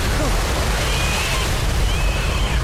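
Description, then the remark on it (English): A steady, loud roar of an oncoming wave of rushing river water surges throughout, a dense wash of churning noise with deep rumbling underneath and no pauses. “I hear something. It sounds like a wave.”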